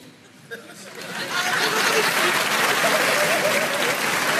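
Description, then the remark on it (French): An audience in Montreux breaks into applause in answer to a performer's question, a dense crackle of clapping that swells over the first second and a half, then holds steady and loud with faint crowd murmur mixed in. “Par applaudissement, il y a des gens qui ont des amis?”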